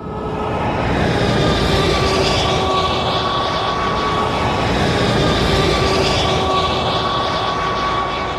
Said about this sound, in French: Le camion passe la frontière bulgare, sans le moindre contrôle, en tout cas pour l'instant. Maintenant, entrée sur l'autoroute.